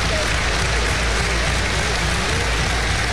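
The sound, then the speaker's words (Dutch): A large football stadium crowd stands and applauds in a dense, steady wash of clapping that holds at an even, fairly loud level for the whole stretch, with no voices rising above it. “Als de mensen nu gaan staan en gaan klappen.”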